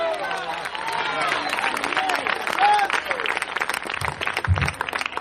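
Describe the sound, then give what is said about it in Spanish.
An audience bursts into loud, sustained applause, a dense crackle of many hands clapping without pause, with scattered voices calling and cheering over it throughout. “De fuerte ese aplauso, ese aplauso.”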